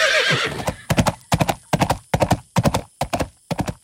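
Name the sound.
horse galloping and neighing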